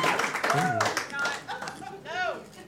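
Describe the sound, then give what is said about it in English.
Sparse, scattered applause from an audience, a few hands clapping unevenly over a couple of seconds, with voices and murmurs underneath. “You could have just not clapped.”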